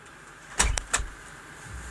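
A car interior in traffic with a low road rumble, broken by a quick burst of mechanical clicks and a short whirring motor like a power window moving, then steady hum again. No one speaks.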